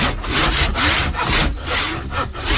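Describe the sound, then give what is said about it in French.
A rasp scrapes across wood in steady back-and-forth strokes, about six passes in quick rhythm, coarse with no voices, rough-shaping a piece of wood in a mobile woodworking workshop. “La lime, la râpe.”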